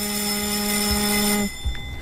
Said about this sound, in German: Das ist der Gong im Deutschen Bundestag, den man viele, viele Male gehört hat und wo man viele Male immer zur Abstimmung musste. Genau, das ist das Zeichen für die Abstimmung.